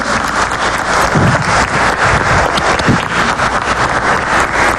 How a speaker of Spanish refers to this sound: Un concurso a nivel nacional contando un cuento, y es el ganador a nivel de Costa Rica. Un aplauso para él.